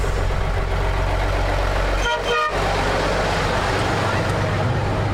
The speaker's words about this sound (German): Hier kommt schon ein Bus. Hier kommt der Bus, ja. Kommt da.